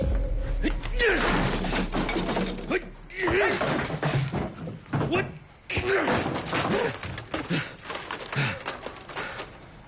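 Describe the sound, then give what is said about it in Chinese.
Loud crashing and smashing as an architectural scale model of a future commercial complex is broken apart, with repeated thuds and clattering debris in bursts over several seconds, plus a shouting voice mixed in. “就你刚才砸坏的那个，可是我花了十几万做的未来商业综合体的立体沙盘呢”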